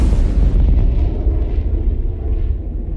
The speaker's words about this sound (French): Ces bruits sont provoqués par des avions israéliens qui dépassent le mur du son.